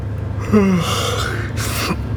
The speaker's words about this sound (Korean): 눈을 빠르게 깜빡이며 졸음을 떤쳐냈다. 하품이 나왔다.